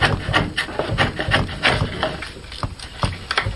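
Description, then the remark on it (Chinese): Steady strokes of a tool scraping and rasping across wood while carving and sanding the wooden body of a qin, about a dozen short rough passes in an even working rhythm, with no voices. “每一次落刀，每一次打磨，都是与木材对话，与寂静相处。”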